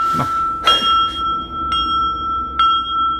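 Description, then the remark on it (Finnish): A small handbell rings three times in steady succession at Randalls, rung to call for the carriage to be brought to the door; each bright, high-pitched strike leaves a sustained metallic tone that hangs between rings. No one speaks. “Soitanko kelloa?”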